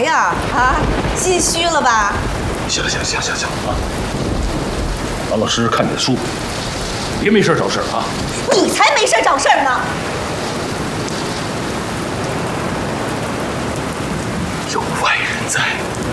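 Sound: heavy rain with thunder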